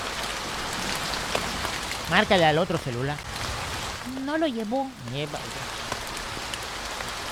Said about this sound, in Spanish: Pero solo oímos el agua, nos está poniendo ahorita el agua para que lo oigamos. Sí, para que oiga usted cómo llueve.